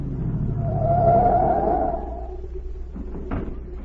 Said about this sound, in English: A minute later, a car pulled up at the watchman's gate, and Agent Z stepped out.